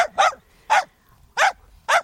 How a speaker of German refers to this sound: Ja klar, dann den Hund von meiner Nachbarin, der immer so laut bellt.